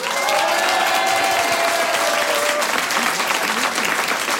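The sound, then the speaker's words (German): Sustained applause from a large outdoor crowd at a stage on the community square in Kolsersberg, loud and continuous throughout, a dense wash of clapping with a few faint voices and whistles rising through it. “Wir schicken hier vom Kolsersberg einen riesen Applaus in die große, weite Welt hinaus.”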